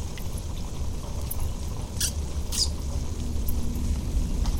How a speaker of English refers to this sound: pink noise from the brook pollutes the air and water and fills the woods. The brook fills the woods with its pink noise.